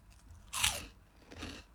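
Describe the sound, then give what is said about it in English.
Two loud crunches of someone biting into cheese chips, a sharp bite followed a moment later by a second, softer chew, with no talking. “Listen to that. Look, crunch.”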